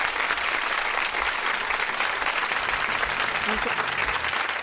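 Sustained audience applause for the participants of Eita Bagaceira, a dense, steady wash of many hands clapping at an even loudness for several seconds, with no pauses and no voices standing out.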